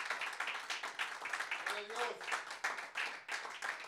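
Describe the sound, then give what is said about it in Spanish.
A church audience claps loudly and steadily as an offering of applause to the Lord, a dense patter of hand claps filling the whole clip, with a voice briefly calling out partway through. “Démosle una ofrenda de palmas fuerte al Señor.”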